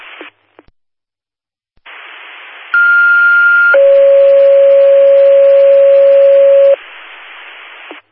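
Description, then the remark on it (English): Fire department dispatch alert tones over a radio, general tones for a structure fire with open flame near Conn Avenue: a steady higher tone for about a second, then a longer, lower tone for about three seconds, loud and clear, with hissy static before and after. “General tones for a structured fire.”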